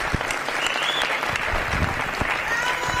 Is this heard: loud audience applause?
yes